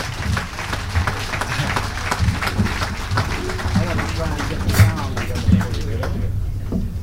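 An audience applauds warmly, welcoming jazz musician Harry Sweets Edison to the stage, a dense, steady patter of many hands clapping for several seconds, with faint crowd murmur underneath before the clapping begins to thin out at the end.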